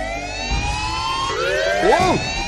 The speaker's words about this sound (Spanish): Las alarmas. ¿Qué está pasando?